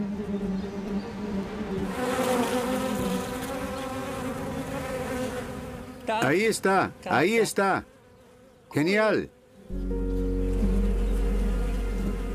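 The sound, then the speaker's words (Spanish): Five honeybees buzz in flight on their way back home to the hive, a steady droning hum with rising and falling pitch as they pass by, while a person speaks briefly in the middle. “Las 5 abejas se encuentran en camino de regreso a casa.”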